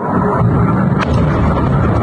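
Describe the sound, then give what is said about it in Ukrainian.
Ammunition detonating at night at a warehouse in Vyshneve struck by a Russian missile, in the first minutes after the strike on 6 July: a loud, continuous low roar with one sharp crack about halfway through, and no voices. “Вночі на 6 липня на складі, куди поцілили окупанти, починають вибухати боєприпаси.”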